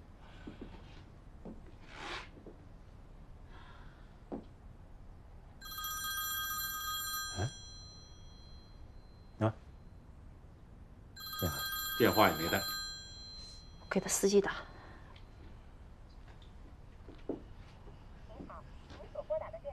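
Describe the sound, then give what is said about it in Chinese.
A mobile phone's electronic ringtone plays in two short bursts, bright and steady, with a few sharp clicks and knocks in between: a call to an official's phone, which he left behind in his room while he was out. “电话也没带，我给他司机打。”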